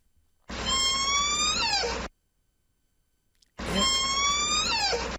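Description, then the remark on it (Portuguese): A rusty door hinge creaks twice, each a loud, drawn-out squeal of about a second and a half whose pitch glides upward before dropping off, separated by a short silence. “Era unha porta que te ha con óxido e a bisagra non fai.”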